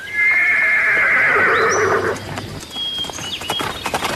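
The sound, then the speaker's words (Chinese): A horse gives one long, loud, quavering whinny lasting about two seconds as a rider mounts it to ride off, followed by a scatter of light hoof clops and faint chirps as it trails off. “跨上马去追查杨大毛了。”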